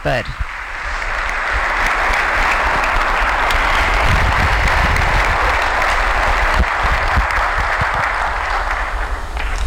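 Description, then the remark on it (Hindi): Loud, thunderous applause from a large audience welcoming Indian Prime Minister Narendra Modi, a dense wall of clapping that stays steady and unbroken for nearly ten seconds, filling the room. “तालियों की कड़कड़ाहट रुकनी नहीं चाहिए।”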